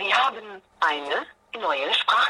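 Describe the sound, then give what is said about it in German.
An answering machine begins playing back a caller's voice message, with three short bursts of tinny, narrow-band voice separated by brief pauses, like speech coming through a small telephone speaker. “Zumindest hat der Anrufer zur Abwechslung mal auf den Anrufbeantworter gesprochen.”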